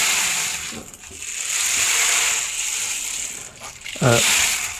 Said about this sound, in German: Ja, es ist eigentlich ein Percussion-Instrument. Das kann man auch kombinieren. Genau. Oh, wow. Klingt wie ein Regenmacher, so ähnlich ist es auch. Ja. Ne? Ja. Aber halt flächiger.